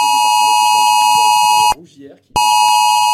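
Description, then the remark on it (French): A loud, harsh phone emergency alert tone, received by residents around 3 a.m. during evacuations in the western Bordeaux area, blares continuously, cuts out for about half a second, then resumes. Faint talking sits underneath the piercing, steady tone. “C'est aux alentours de 3 heures cette nuit que les habitants ont reçu cette alerte sur leur téléphone.”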